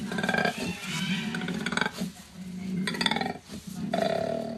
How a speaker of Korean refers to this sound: 지금까지 알고 있던 코알라의 인상이 확 바뀔 것 같은데. 코알라? 코알라예요? 코알라, 네, 코알라 소리입니다. 코알라가 으르렁 거려요? 네, 코알라.